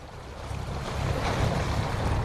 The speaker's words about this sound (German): Das Meer rauscht, denn wir sind auf Lampedusa unterwegs auf einem Patrouillenboot der italienischen Küstenwache.